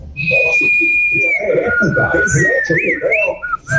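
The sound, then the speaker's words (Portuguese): A person whistles a long, steady high note that dips in pitch, then breaks into quick bird-like warbles and trills. Voices murmur underneath throughout. “Assobio passarinho, né? Normal.”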